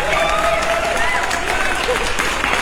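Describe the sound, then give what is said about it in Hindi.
Steady, loud applause from a crowd for the winner of a morning show quiz, dense clapping that holds for a few seconds with cheering voices mixed in. “जोरदार तालियां मैम आपके लिए।”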